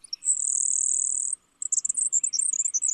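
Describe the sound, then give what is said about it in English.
A grasshopper sparrow sings a thin, high, insect-like buzz lasting about a second, followed by a few sharp high chips and a jittery trill, clear with no talking. “other birds are so buzzy that they're easily mistaken for insects, like this grasshopper sparrow.”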